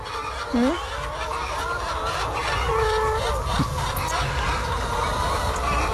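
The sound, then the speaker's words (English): Laying hens cluck softly and intermittently, with short rising calls scattered over a steady outdoor background hum. “The girls, the chickens.”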